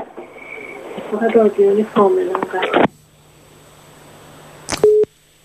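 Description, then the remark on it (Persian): A voice talks over a phone line, then the line cuts to a faint low hum, followed by a click and a short, steady electronic beep like a busy tone. “خط شد.”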